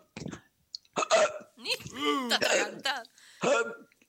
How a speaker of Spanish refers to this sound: Ahí va mi hipo